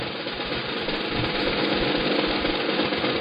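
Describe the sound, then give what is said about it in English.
Folded paper slips rustle as they're shaken around in a hat for a lottery prize draw, a dense, continuous crackling shuffle that stays fairly loud and steady for about three seconds, with no talking. “There's folded up pieces of paper in it. Can you hear it?”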